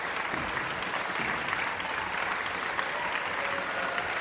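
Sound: concert audience applauding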